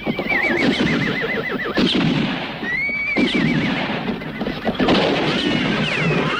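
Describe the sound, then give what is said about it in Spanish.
Horses whinny loudly in a wavering, trilling neigh, followed by more neighs over a busy, clattering background of hooves and commotion, with sharp gunshot bangs breaking through now and then. “¡No podrás ir muy lejos sin caballos, Oak!”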